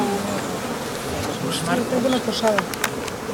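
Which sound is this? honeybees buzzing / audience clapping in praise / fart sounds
honeybees buzzing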